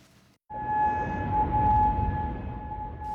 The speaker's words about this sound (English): Sirens blasted in Kuwait during the early hours of Sunday morning.